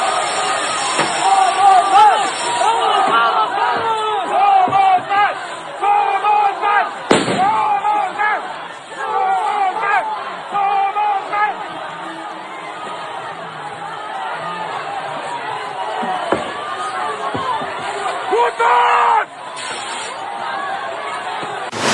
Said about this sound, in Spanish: Bueno, pues era lo que se escuchaba justamente en el momento en que son repelidos, atacados con chorros de agua a presión.